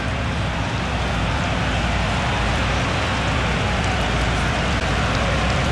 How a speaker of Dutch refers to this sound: De regen begint hier te vallen. Wat een verrassing. Het regent in Londen